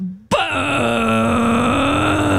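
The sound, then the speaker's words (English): A person imitates a foghorn as a vocal warm-up with one long, loud, low droning groan that holds steady for about two seconds after a brief quiet lead-in, rich with buzzy overtones. “Or the foghorn really helps me warm up.”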